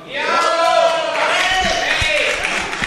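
A hall audience applauds a presented contribution, with steady clapping blended into loud cheering and overlapping voices that fill the whole stretch without a pause.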